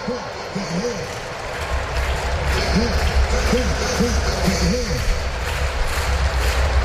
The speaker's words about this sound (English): Crowd getting behind Baldwin.